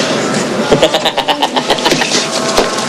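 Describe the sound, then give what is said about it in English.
A car engine turns over and revs up as a gang pulls off in it, its rapid pulsing chugs loud against a wash of noisy background, with faint voices mixed in. “The gang pulls off”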